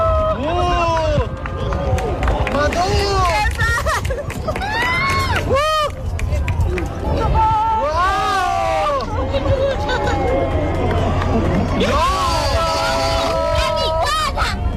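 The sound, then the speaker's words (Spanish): A large crowd in A Coruña, Spain, cheers and whoops at the totality of a solar eclipse as the day suddenly goes dark, rising voices and shouts swelling over steady applause and excited chatter that carries on loudly for the whole stretch. “Pois na franxa de totalidade o día apagouse de repente e chegaron os aplausos, a sorpresa, a emoción.”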